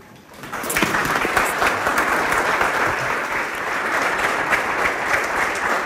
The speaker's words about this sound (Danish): Ja, de klapper om. Jeg har klippet noget af klappet ud, faktisk, for at gøre det lidt kortere.